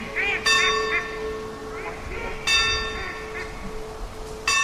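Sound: church bells ringing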